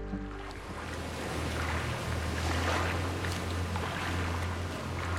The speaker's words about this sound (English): gazing over the lapping water of the River Thames